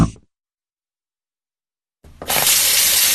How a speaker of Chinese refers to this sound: 一个关不紧的水龙头，一个月流掉1-6立方米水。